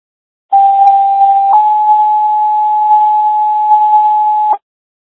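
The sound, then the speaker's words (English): A Carroll County EMS radio dispatch paging tone sequence for a transfer: a steady one-second tone steps up to a slightly higher, longer tone held about three seconds, loud and clear over faint radio hiss, with no talking. “Oh, County EMS, stand by for tones for transfer.”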